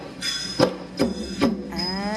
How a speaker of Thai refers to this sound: นักเรียนได้ยินเสียงกลองไหมลูกได้ยินไหมนี่คือเสียงโทนเห็นไหมก็จะมีนักดนตรีนั่งอยู่นะลูกตีโทนเป็นดนตรีประกอบจังหวะหลักครับ